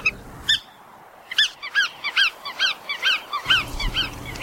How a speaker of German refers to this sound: Und damit der Vogel der Woche, der Iron Man unter den Zugvögeln, allemal unter den Wartvögeln, die Pfuhlschnepfe.